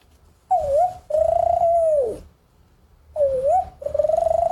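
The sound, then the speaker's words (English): A person imitates an Australian spotted dove's cooing: two pairs of breathy, wavering hoots, each a short rising-falling note followed by a longer sustained one, fairly loud, with no talking. “Are there any other Australian birds you can do? Oh, yeah. I made a list of Australian birds on this paper that I have on my list.”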